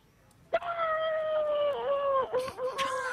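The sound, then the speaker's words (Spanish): A person imitates a wolf howl: one long, sustained, wavering note held for nearly three seconds, dipping briefly before carrying on, loud with no other voices. “Un poco lobo, ¿no?”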